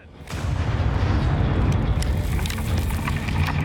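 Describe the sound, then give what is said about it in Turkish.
A deep, rumbling explosive blast in an active blasting zone, set off after a countdown, erupts and sustains as a heavy roar of low-frequency noise, with crackling debris sounds scattered through it. It stays loud and dense for several seconds with no talking. “Burası aktif bir patlama bölgesi.”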